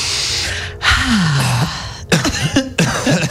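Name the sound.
cough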